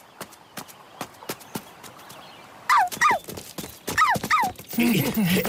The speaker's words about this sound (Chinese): 花花狂吠不止，似乎在诱导他们说：“来呀！”